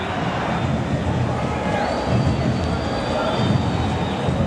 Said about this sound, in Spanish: Sí, justamente para que escuchen cómo es el ambiente en este momento, silbatina y se empieza a ir la gente de Palmeiras